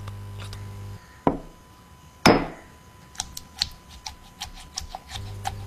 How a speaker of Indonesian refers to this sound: Nih, lihat. Ulekan itu digerus pakai pergelangan. Bukan dipukul kayak palu. Gini nih, Beb.